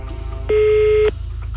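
A single steady ringing tone from an outgoing phone call, about half a second long, loud and clear over a low background hum, with no voices.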